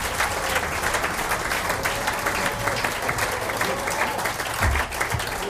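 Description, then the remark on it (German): Steady, dense applause from an audience at a live regional music event in the market town of Birkfeld, welcoming deputy mayor Karl Schneeflock; many hands clap at once at a consistent loudness with no break. “Zu mir auf kommt jetzt der Herr Vizebürgermeister der Marktgemeinde Birkfeld, der Karl Schneeflock, und er kriegt gleich einmal einen Applaus.”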